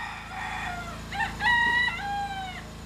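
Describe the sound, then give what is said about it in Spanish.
A rooster crows once during the night in a village, a long, harmonic call that rises and holds before trailing off, over a steady low hum. “O eran los generadores, o ladraba un perro, o cantaba un gallo.”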